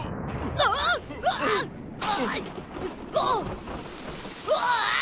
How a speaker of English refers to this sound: Thunder, lightning, and rain! I hate thunder! I hate lightning! I hate rain!